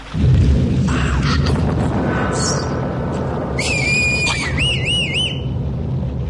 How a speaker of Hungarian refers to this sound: Dörög az ég.